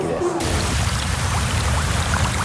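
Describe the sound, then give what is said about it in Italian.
A steady, dense hiss of very rapid water jets spraying hard onto a person's body, fairly loud, continuing without a break for the whole moment. “All'improvviso il corpo viene investito da rapidissimi getti che fanno esplodere nei pori minuscole bolle a ultrasuoni.”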